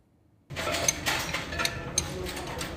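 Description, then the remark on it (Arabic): Wrenches and spare parts clink and clatter over a steady mechanical hum, with a few sharp metallic taps standing out after a brief silent start, as a long-idle government car is repaired in a vehicle rehabilitation program in Deir ez-Zor. “بين أصوات المفاتيح وقطع الغيار المنتشرة”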